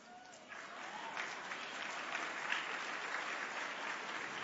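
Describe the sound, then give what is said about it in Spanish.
Scattered, fairly soft applause from a group of women, a steady wash of light clapping that holds at an even, modest level throughout without building or rising into cheers. “No sé por qué el aplauso de las mujeres fue muy tímido, pero está bien, por respeto a sus esposos, está bien, pero yo las veo así como aplaudiendo, como...”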